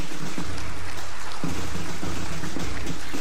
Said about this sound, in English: Ladies and gentlemen, the flags of the Caribbean. And another round of applause for the Scouts Association of Guyana.